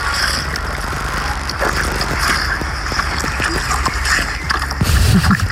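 Steady, fairly loud spray of water from a garden hose hissing and splattering continuously, with occasional sloshing bursts and a low rumble underneath, swelling slightly near the end.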